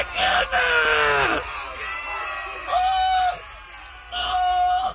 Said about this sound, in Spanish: El elefante había pisado a la hormiga y todos los habitantes de la selva empezaron a gritar: ¡Asesino! ¡Asesino! ¡Asesino!